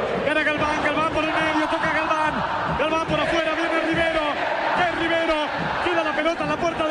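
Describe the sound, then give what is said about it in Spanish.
A large crowd of River fans at a football stadium chants together in a steady, sung rhythm as rain begins to fall, many voices rising and falling in unison and filling the whole stretch at a constant, loud level. “¿Qué gritan ahora? Pero la magia de la gente, eso es lo que están gritando, sí.”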